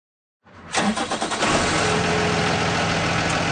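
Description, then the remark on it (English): The large diesel engine of a yellow school bus cranks with a few quick rhythmic turns, catches, then settles into a loud, steady, rumbling idle, with no voices present. “It's one of those big yellow school buses, the kind so many of us have taken to school, bumping around in those vinyl seats”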